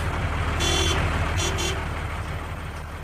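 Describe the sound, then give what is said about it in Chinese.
A large truck rumbles steadily along a road, raising clouds of dust as it heads for the Pingjin front headquarters, its low engine drone constant and fairly loud, with a couple of brief, brighter bursts of noise partway through. No one speaks. “此刻周北风和张东孙正坐在一辆大卡车上，烟尘滚滚地向着他们的目的地平津前线司令部驶来。”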